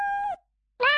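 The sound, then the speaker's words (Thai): Two short cat meows, an animal sound effect from the sound library of the Scratch program, separated by a brief pause; the first falls in pitch at the end, the second rises brighter and loud. “ถ้าเป็นเสียงสัตว์นะคะ animal มีเสียงอะไรบ้างอันนี้เป็นเสียงนี่เหมียว”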